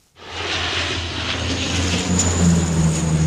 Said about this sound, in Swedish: Vidsträckta skogar i brand och flygplan som dumpar vatten.